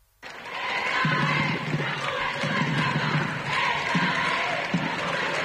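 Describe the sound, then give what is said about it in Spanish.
A small crowd of families and children in the state pavilion of an airport claps and cheers steadily as they await the Pope, with scattered shouts and voices rising over a dense patter of applause that starts abruptly and continues throughout. “Ya dentro de las instalaciones del aeropuerto, en el pabellón del Estado, era esperado por un reducido grupo de familias, niños, aplausos, banderas vaticanas, y este espontáneo.”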